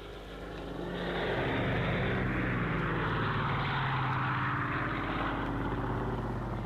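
A propeller aeroplane drones overhead as it flies back to an airfield, its engine swelling in over the first second and then holding a loud, steady, buzzing roar with no voices.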